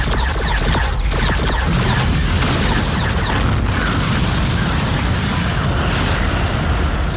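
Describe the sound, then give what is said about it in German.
Loud, continuous rumbling barrage of booming blasts with crackling bursts layered over a heavy low roar, sustained without pause for several seconds: a spaceship, the Eric, opens weapons fire while diving downward in a space battle, with explosions. “Gleichzeitig eröffnete Hubert das Feuer.”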